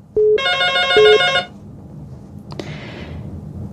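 A cell phone rings once, a loud electronic ringtone lasting just over a second before cutting off, followed by a sharp click and a brief rustling hiss.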